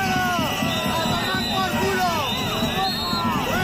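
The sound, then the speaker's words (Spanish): More than 200 protesters for public education in Huesca shouting and booing at Aragonese president Jorge Azcón, a loud, continuous wall of overlapping voices with rising and falling jeers, unbroken throughout. “Gritos y abucheos al presidente aragonés, que intentó dialogar sin éxito”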